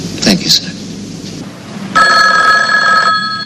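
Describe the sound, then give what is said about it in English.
A telephone bell on a desk in an office rings once in a loud, sustained burst lasting about a second, shrill and metallic, preceded by a few soft clatters and rustles. “just about to leave her office, a curly-haired woman turns back to her desk and picks up the phone.”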